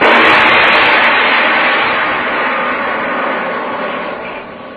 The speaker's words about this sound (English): Hey, Professor, I think the Duke is coming. I begin to see the headlights of a car down the road about a mile away.